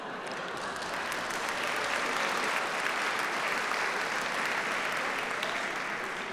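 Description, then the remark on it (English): Sustained applause from a music concert audience, a dense wash of many hands clapping at a steady, even level for several seconds without any talking. “And I know in your programme it says that you mustn't clap or applaud between. Please ignore that completely.”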